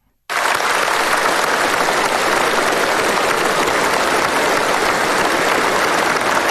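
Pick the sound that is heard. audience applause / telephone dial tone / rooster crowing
audience applause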